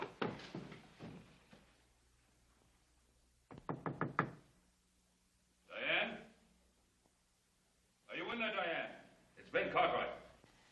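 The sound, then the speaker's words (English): A quick run of about five firm, evenly spaced knocks on a door, with a couple of short muffled voice sounds following. “Door's open.”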